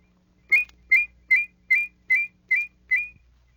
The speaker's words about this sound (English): As you practice, many unusual abilities will develop. With a fast la-la whistle, you can produce two notes so closely they sound in harmony.